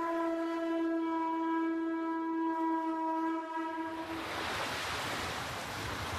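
A sustained, horn-like tone holds for about four seconds, then gives way to a broad, rushing wash of ocean waves breaking, fairly loud, with no voices.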